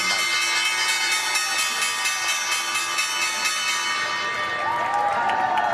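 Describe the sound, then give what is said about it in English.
The closing bell at the NYSE, rung by Jefferies at the end of the trading day, rings continuously with a bright, sustained metallic clang while a crowd cheers and applauds loudly throughout. “Bell's bringing into the trading day at the NYSE.”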